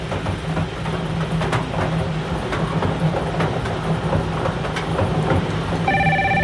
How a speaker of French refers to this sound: Alors, le téléphone sonne.